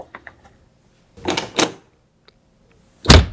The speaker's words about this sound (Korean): 쾅소리와 함께 방문이 닫혔다.